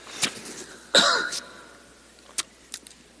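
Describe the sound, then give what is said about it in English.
A few coughs with no talking: a sharp short one, then a louder, longer raspy cough, followed by two small, quick coughs spaced apart. “In this passage, pardon me, I'm going to cough.”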